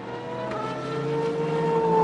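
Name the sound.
race car engine cranking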